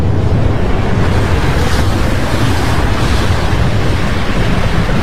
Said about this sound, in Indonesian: Perahu ketinting milik Baun dan bapaknya terus diombang-ambingkan gelombang, hingga akhirnya membuat perahu itu terbalik.